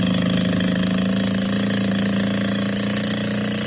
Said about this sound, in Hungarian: Mögöttük egyszerre felviharzik a víz, a csónak felkapja az orrát magasra ki a vízből, mintha fel akarna repülni, és panaszos bőgéssel veszettül rohan ki a lagúnára.